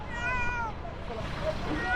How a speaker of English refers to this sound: A small cat has been found underneath the rubble, where others were not so lucky.